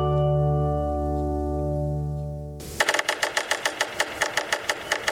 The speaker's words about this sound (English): The drumming of woodpeckers can be heard penetrating the crisp winter air in woodlands throughout North America.